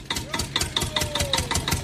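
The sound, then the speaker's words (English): A tractor engine runs steadily, its loud, regular chugging pulses repeating about four times a second with a faint whine drifting underneath. No one speaks. “This is a tractor. I think it's a tractor. Sounds like a tractor.”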